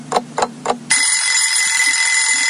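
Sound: alarm clock ringing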